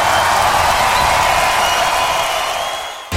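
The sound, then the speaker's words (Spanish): Loud, dense final applause from a large live concert audience at Arena Ritoque, a one-hour live music show on Ritoque FM, a continuous wash of clapping with some crowd noise, holding steady before tapering off at the end. “Los sonidos se detienen y el último aplauso inunda el ambiente.”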